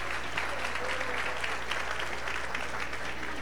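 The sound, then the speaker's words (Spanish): A crowd at a celebration applauds steadily at the host's request, in honor of a group of performers, a dense, even wash of many hands clapping that holds at a constant level for the whole stretch, with a low electrical hum underneath. “y un fuerte aplauso pido a los embajadores del ritmo que son parte de esta casa y de este lugar también, luego de tanta trayectoria.”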